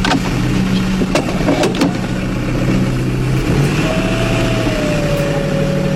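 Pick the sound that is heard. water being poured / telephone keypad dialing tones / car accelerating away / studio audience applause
car accelerating away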